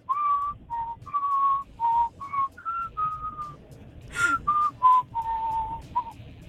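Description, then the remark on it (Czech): A person whistles a short melodic jingle from World of Warcraft in a series of clear, steady notes, with a soft low rumble in the background and a brief noisy burst near the end. “Hele, mě by ještě zajímalo, ty jsi ukazoval, že máš takovou svoji jako oblíbenou pískací znělku.”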